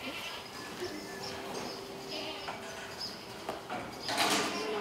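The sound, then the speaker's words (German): Several goats from a herd of about 400 bleat intermittently over a steady, hissy background of herd noise, their calls fairly faint and overlapping, with a brighter, louder burst of sound near the end. 80 goats are being selected to be put together with a billy goat. “Von 400 Ziegen werden 80 ausgewählt und mit dem Ziegenbock zusammengebracht.”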